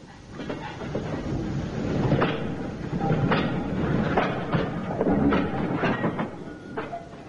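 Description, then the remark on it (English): A train, the 8:40 evening train to London, rumbles steadily along the rails at a station with a dense low roar, punctuated by repeated metallic clicks and clatters as the wheels pass over track joints, continuous with no talking. “Well, it's only one train at this time of the evening. The 8:40 to London.”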